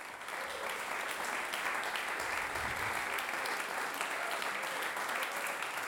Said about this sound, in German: Applaus für die drei Interpretierenden. Sie hörten Komm, liebe Zither, komm, Köchelverzeichnis 351, am Ende des Programms von Bariton …, Klavichord ….